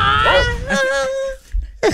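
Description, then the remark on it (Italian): High, wavering whimpers from Great Dane dogs, a couple of drawn-out whines that rise and fall, fairly loud, followed by a short pause and another brief whine, on Radio 105's Lo Zoo di 105. “Ah, sono precisissimi questi cani, Radio 105.”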